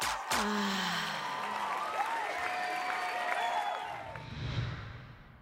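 A crowd applauds and cheers steadily for the announced winner of a competition, with dense clapping filling the whole stretch and scattered whoops and excited voices rising over it before it starts to taper off.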